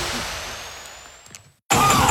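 A car engine runs roughly with a pulsing, sputtering rumble that fades out, a couple of clunks, a brief silence, then a sudden loud burst of sound.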